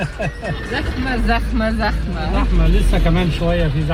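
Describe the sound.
Steady low engine rumble of chaotic Cairo traffic heard from inside a taxi as the driver steers, honks and brakes through it, with voices talking continuously over it and a busy hum of street noise underneath.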